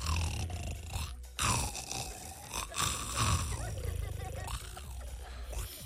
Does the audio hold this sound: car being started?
no